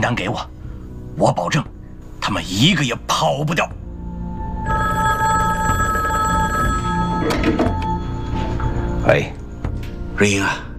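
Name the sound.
telephone ringing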